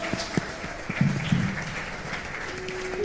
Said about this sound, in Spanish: Una ofrenda de aplausos al que vive por los siglos.